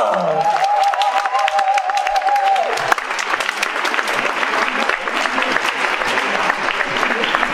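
An audience at a talk on the book Homo Punk History bursts into dense, steady applause for the speaker being introduced, filling the whole stretch, with a sustained high whoop riding over the clapping for the first few seconds.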